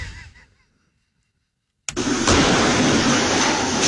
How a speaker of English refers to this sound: I have this car inside, Mercedes, my wife's car, and they use that car to smash, you know, to run over through the door.